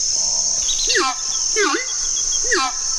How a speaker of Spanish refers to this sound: Este sonido corresponde al canto del arauco y hace parte del proyecto A Ritmo de Pájaros de la Fundación Corocoras.